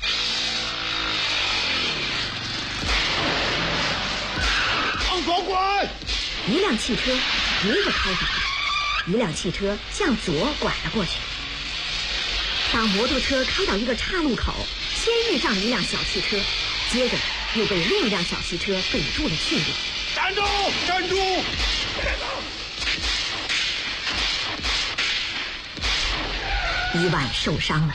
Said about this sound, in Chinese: 汽车和摩托车的距离越来越近了，摩托车突然来了个急转弯。